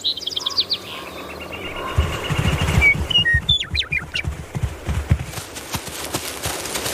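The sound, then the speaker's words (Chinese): Birds sing in an open meadow with spring flowers in Yellowstone National Park, with a rapid high trill at first, then clear whistled notes and chirps, while heavy low thuds like hooves plod underneath through the middle as American bison stroll through. “他们漫步在黄石国家公园里，这里已经有了春天的气息，草地上开出一丛丛花，鸟儿开始鸣唱。”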